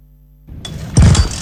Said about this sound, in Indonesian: Aduh, kenapa mogok lagi sih ini motor?